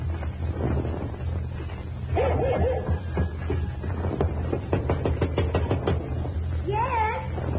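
A dog barks in a few short, harsh bursts separated by pauses, with a run of sharp knocking clicks in between, all over a steady low rumble.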